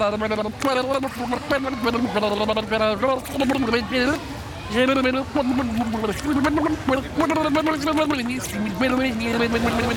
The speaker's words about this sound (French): Et pour commencer, on va commencer à le vider en faisant des bulles par la bouche et en chantant. Et je vous montre.